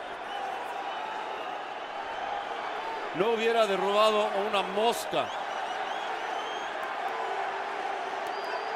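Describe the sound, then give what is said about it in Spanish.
A steady roar of New York City supporters shouting at Red Bull Arena during a football match against Tigres, around the 88th minute, fills the whole stretch, with a man's voice briefly speaking over it in the middle. “Y la porra de New York City ahora gritando y gritando.”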